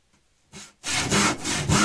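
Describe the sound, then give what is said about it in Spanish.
A handsaw rasps through wood in quick back-and-forth strokes: one short stroke, then a steady run of about four loud, rhythmic cuts with no talking. “El serrucho en acción, sí, señor.”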